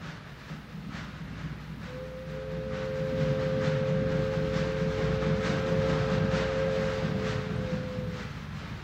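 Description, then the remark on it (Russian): A train approaching a station rumbles in with a steady low roar and rhythmic clatter, growing louder, while a long two-tone horn or whistle sounds for several seconds. “Граждане пассажиры, забирайте вещи, подходит поезд.”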